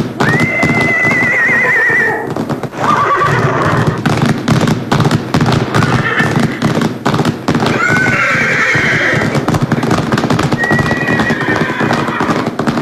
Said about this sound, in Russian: Неподалеку появился дикий табун лошадей. И Луна, укрощенная Луна, перестала подчиняться наезднице.